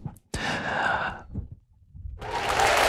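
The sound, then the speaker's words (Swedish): Two bursts of dense, hissy applause after a politician finishes a statement in a debate, not from the municipal council, the first lasting about a second and the second starting after a short lull, with no voices over the clapping. “Och de applåderna var inte från kommunfullmäktige.”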